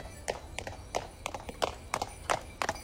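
Horse hooves clip-clop steadily on a hard surface, pulling a carriage at an even walking pace, with about a dozen sharp hoofbeats in a regular rhythm; a horse-drawn carriage ride from the market square in Forborg.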